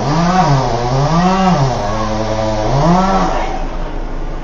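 A loud chainsaw buzzes steadily as trees are being felled, its engine pitch swelling and dropping twice as it revs through cutting, then settling into a rough idle near the end, with no voices.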